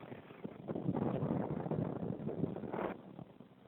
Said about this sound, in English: The sun is very bright on this spot, but it's not keeping me warm. It's very windy today.